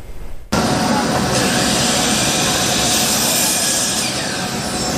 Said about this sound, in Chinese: 进了这个场馆呢，就能听到很多电锯的声音，显然它跟木工有关。